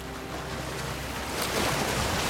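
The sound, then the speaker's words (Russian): Waves wash up onto the sandy shore of a small island with green palms, washing a wooden barrel ashore, in a steady, broad hiss of surf that swells louder toward the end as the water rushes in. No voices are present. “Волна отступает, оставляя бочку на песке.”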